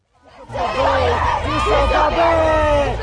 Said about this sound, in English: The protesters descended on the Russian pavilion dressed all in black, bar their pink balaclavas. They punched the air and screamed, "Russia kills the Biennale exhibits."